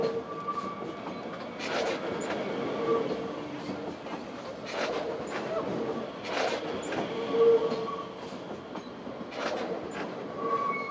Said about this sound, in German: Allerdings bekommt man es natürlich als Reisender und auch als Zuschauer mit. Man hört die Züge eben mehr quietschen als in anderen Bahnhöfen. Die machen mehr Geräusche.